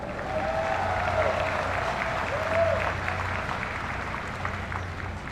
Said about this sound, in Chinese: 我要邀请所有国人同胞再次用热烈的掌声为自己喝彩。